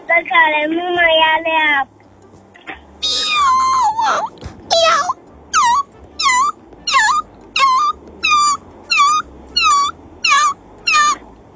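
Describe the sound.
A voice mimics a squeaky bicycle with a steady run of about ten short, high, falling squeaks repeated in a pedaling rhythm, loud, after a brief higher-pitched vocal opening.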